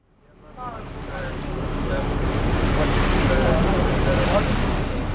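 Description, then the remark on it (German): A boat pushes steadily through water into the Sundarbans mangrove forest in India, leaving the port of Gadkali behind: a continuous broad wash of waves and spray with wind rumble, swelling up within the first second and staying loud throughout, with faint voices in the mix. “Auf dem Boot, den Hafen von Gadkali im Rücken, geht es hinein in das tiefe und unendliche Grün der Mangroven.”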